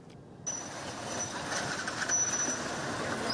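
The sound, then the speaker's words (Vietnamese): Steady, dense roar of heavy traffic at the busy intersection of Nguyễn Phong Sắc, Phùng Khắc Khoan and Tuệ Tĩnh streets, with trucks and buses rumbling by and a thin high-pitched whine or beep running above the noise. “Tại ngã tư Nguyễn Phong Sắc, đoạn giao với Phùng Khắc Khoan và Tuệ Tĩnh, lưu lượng phương tiện tham gia giao thông khá lớn.”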